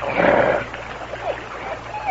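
A male dog in a canoe growls: a loud, rough, throaty snarl at first, then trailing off into quieter, intermittent rumbles, with no talking.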